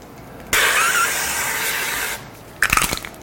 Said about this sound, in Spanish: Y ahora vamos a poner un poquito de aceite en spray.